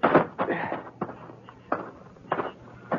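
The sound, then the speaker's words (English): An unlocked wooden front door at a ranch house is tried and opened at dusk, with a handful of hollow knocks and rattles spaced irregularly over a few seconds against a quiet, low background. “I walked up the front steps and tried the door. It wasn't locked.”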